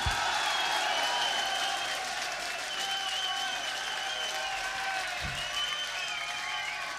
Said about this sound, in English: So, for this man, I'd like an extra special round of applause on the drums and backing vocals, Mr. …!